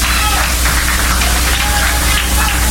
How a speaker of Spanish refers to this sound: Gloria al Señor. Dele fuerte las palmas al Rey de Gloria.